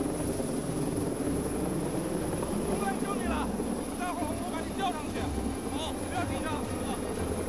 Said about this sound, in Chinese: 直升机在空中悬停，然后由救援队员实施吊篮。把这个人民群众转移到安全区。